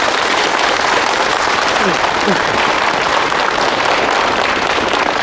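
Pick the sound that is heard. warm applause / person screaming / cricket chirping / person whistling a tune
warm applause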